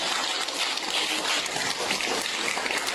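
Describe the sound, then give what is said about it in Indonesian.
An audience at an East Java tennis association event applauds a guest official with dense, steady clapping that holds at an even, fairly loud level throughout, with no voices heard over it. “Tepuk tangan untuk beliaunya.”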